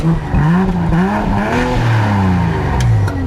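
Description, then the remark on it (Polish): A powerful police patrol car engine, 381 horsepower with four-wheel drive, in sport mode, revs hard, its pitch climbing and dipping in repeated surges as the throttle is worked, loud and continuous throughout with no voices. “381 koni, napęd na 4, mocny samochód”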